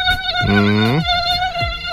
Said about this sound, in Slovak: Menej komárov tohto roku, toto leto, a ja som si to všimol, verím, že ste si to všimli aj vy